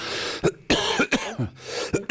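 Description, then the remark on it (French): A fit of harsh, rasping coughs after something went down the wrong way, five or six bursts in quick succession with brief gasping breaths between them and a throaty clearing sound, fairly loud, with no talking. “Il y a un truc qui a passé de travers.”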